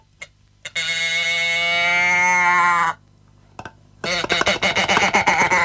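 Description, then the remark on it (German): A moo box toy lets out one long, loud, wavering moo for about two seconds, then falls silent before a burst of rapid rattling clicks as it's shaken. “Und so klingt's, wenn man die Kuh schüttelt, habe ich ja vorhin schon mal gesagt.”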